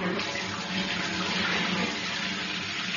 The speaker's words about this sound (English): Good morning, and welcome to Edgbaston. And as you can hear for yourself, we're standing in the changing room shower. So this is what it would sound like,